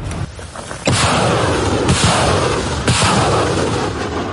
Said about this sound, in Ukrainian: Це пристрілочні постріли. Тепер розвідка дивиться, куди вони лягли, і передає коригування.